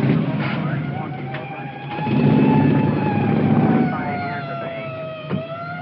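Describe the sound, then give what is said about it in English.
A police motorcycle pulls away with its siren wailing steadily, the engine roar swelling loudly through the middle before easing off as it moves away, as a motor officer heads out to cover the area for a suspect on foot. “Motor officer is taking off to cover the area.”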